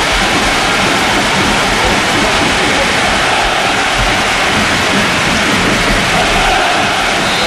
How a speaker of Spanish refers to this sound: El sonido es el de la lluvia. Es el de la lluvia.